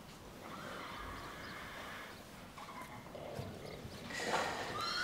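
Horses whinny over a steady background hum, with a louder, higher neigh near the end and faint hoof clops in between; no one speaks.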